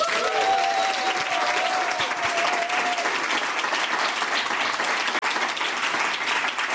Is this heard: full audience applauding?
yes